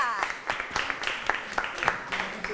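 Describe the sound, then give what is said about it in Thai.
A class clapping together for the two winning groups, group 1 and group 5, a fairly quick and irregular patter of sharp claps filling the whole moment, with some faint voices mixed in underneath. “วันนี้นะคะเราได้ผู้ชนะไป2กลุ่มด้วยกันปรบมือให้กับกลุ่ม1และกลุ่ม5ค่ะ”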